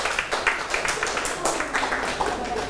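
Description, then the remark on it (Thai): A classroom full of people applauds together for a classmate who answered correctly, a dense, steady patter of many hands clapping for a few seconds at a fairly loud level, with faint voices mixed underneath. “หมวดคำสรรพนามถูกต้องปรบมือให้เพื่อน”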